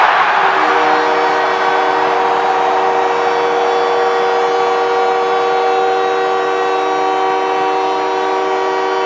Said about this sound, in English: Well, the captain of the Canadians, Nick Suzuki, gets the crowd into hysterics as he gets the Canadians to within one with his 22nd goal of the season.